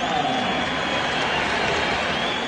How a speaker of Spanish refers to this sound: Bueno, ahí silbido predominantes y algún aplauso, ¿no? Cuando la voz del estadio nombraba a Villa.